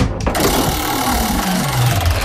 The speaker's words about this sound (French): Alors, c'est parti pour le troisième jeu. On va lancer la roulette.